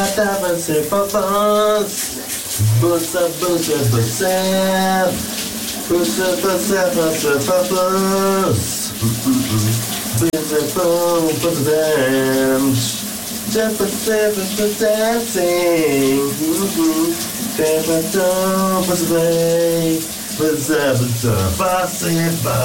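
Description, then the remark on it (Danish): Steady hiss of running shower water fills the background while a man sings a song loudly and continuously over it during a morning shower. “du også får dit daglige morgenbrusebad om eftermiddagen.”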